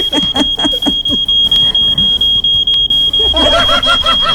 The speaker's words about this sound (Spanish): Ese es el detector de humo, director.